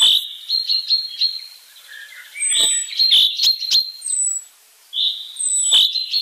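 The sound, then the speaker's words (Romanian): Chaffinch song trills ring out in several bright, rapid phrases with brief pauses between them, clear, with no voices present. “Aproape un secol mai târziu, un ornitolog britanic a demonstrat că trilurile cintezelor din Scoția variază chiar și de la o vale la alta.”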